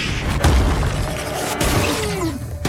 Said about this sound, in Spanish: Deck se agacha cuando la planta explota en una nube de polvo púrpura y dispara sus espinas. Primero las espinas te paralizan. Luego te come, porque no te puedes mover.